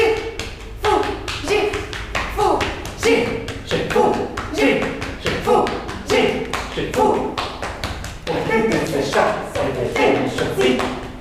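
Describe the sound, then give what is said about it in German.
Rhythmic patting and tapping on backs, quick regular slaps repeating throughout, clear, with voices chanting rhythmic nonsense syllables in a made-up language along with the beat. A performing duo pat each other's backs in a performance of a piece by composer Georges Aperghis. “Sie klopfen sich gegenseitig auf den Rücken und unterhalten sich mit rhythmisierten Silben auf einer Fantasiesprache.”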